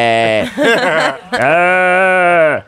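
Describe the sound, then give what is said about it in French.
A human voice imitates sheep bleating: a wavering, quavering baa followed by a longer, steadier baa, both loud, with no other talk. “Donc il voit la camionnette, puis il voit deux moutons.”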